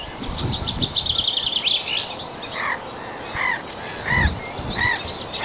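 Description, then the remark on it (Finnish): A noisy chorus of black-headed gulls calling on a field, harsh repeated squawks and cries overlapping from several birds, with some brief chirps mixed in and a steady outdoor background. “Naurulokit. Ne on tuossa samalla pellolla kuin aikaisemmissa lähetyksissä.”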